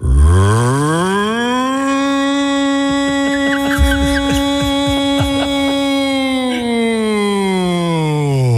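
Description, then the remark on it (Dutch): A voice imitates an air raid siren, a loud sustained wail that rises at the start, holds a steady pitch for several seconds, then slides down at the end. “Even de luchtalarm nog niet schrikken.”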